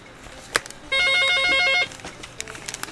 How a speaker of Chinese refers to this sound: 那这个来，我先听电话先哈。